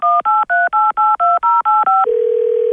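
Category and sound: signal or alarm, telephone keypad dialing tones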